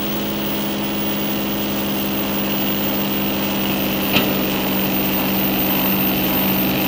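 A tractor engine drones steadily and close by, a low rumbling hum with a brief click partway through. Its level stays even throughout rather than fading into the distance.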